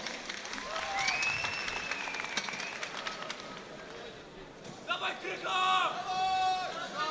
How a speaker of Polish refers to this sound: Zaczynamy. Wielkie brawa dla obu zawodników.